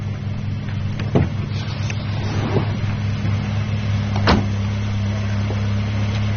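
A car engine hums steadily as the car restarts, a low even drone throughout, with two sharp mechanical clicks breaking through partway. No voices.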